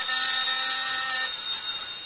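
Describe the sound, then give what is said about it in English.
A steady electronic ringing tone sounds loud, filling the brief moment without pause, bright and shrill like a telephone bell, with no voices present. “This phone's ringing.”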